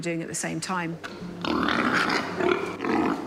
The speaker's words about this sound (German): Für den Versuch bekommen die Schweine eine begrenzte Menge Futter. Die dominanten Tiere drängen die schwächeren weg. In diesem Fall ist es Schwein Nummer 5, das bei den anderen Tieren Stress auslöst.